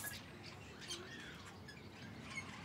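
Five fairly large young budgerigars squawk and chirp in harsh, overlapping bursts inside a nest box at Jaderpark, a busy continuous clamor with no talking.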